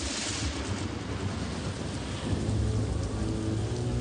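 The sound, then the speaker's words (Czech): Steady heavy rain pours down through a thunderstorm, with deep rumbling thunder rolling underneath and swelling louder near the end. No voices, just the dense hiss of rain and low booms. “Podem noci se kolem nich rozvěsnila ohlášená bouře.”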